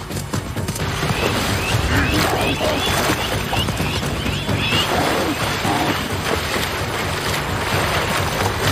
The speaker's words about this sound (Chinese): 受惊的驴羚奔向水潭深处，猎豹的爆发力和奔跑速度都受到了影响。